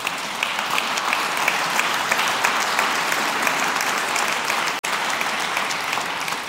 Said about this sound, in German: Die dürfen klatschen.